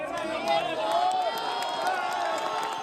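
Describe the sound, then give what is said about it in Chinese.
Rescue workers cheer and whoop over steady clapping at the ruins of an inn in Pereira, after a 32-year-old woman trapped about 36 hours following a strong earthquake is rescued, a loud, continuous burst of mixed voices and applause lasting the whole moment without a break. “在场多名救援人员欢呼鼓掌。”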